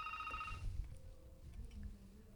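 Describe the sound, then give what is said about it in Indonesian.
A telephone rings for an incoming listener call on the phone line of the radio dangdut program Dangdut Adalah Kita, a short, bright electronic trill that cuts off quickly, followed by fainter tones over a low background rumble. No one speaks. “langsung saja Tutmus akan sapa ruang dengar Anda di line telepon 223361”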